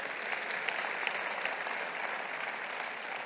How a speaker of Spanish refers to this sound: Un aplauso al Señor por esta historia.